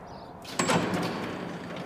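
A heavy door to the Maria research reactor at the state-run Nuclear Research Center near Warsaw opens with a sudden clunk and a sustained mechanical whoosh, as if sliding open, followed by a steady low hum; no one speaks.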